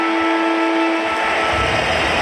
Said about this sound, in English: Ball up. Davidson gets the kick forward to Salem. Siren about to sound. The Doggies get the job done over Melbourne.